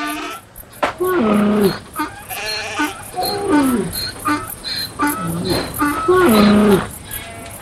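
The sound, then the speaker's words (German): Several sheep and goats bleat repeatedly, long wavering calls overlapping one another, with a faint chirping of insects in the background. “7000 Stück Kleinvieh besaß er, 3000 Kamele, 500 Rindergespanne und 500 Eselinnen.”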